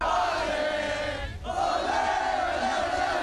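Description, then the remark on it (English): A crowd of about 8,000 Australian Socceroos football fans at the World Cup live site in the South Bank Cultural Forecourt, Brisbane, chants and cheers loudly and continuously while watching a midday World Cup match, a dense roar of massed voices with rising and falling chant melodies, briefly dipping before swelling again. “Fans were chanting and cheering throughout the match, even without an Australian goal.”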